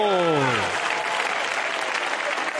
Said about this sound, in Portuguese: Palmas bem alegre para Jesús. Palmas para Jesús.